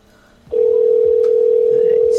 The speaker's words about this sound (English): Still not busy. I wonder if they can, like, not hear it ringing or something.